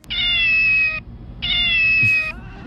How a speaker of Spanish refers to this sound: Sí, mira, escucha a este gato.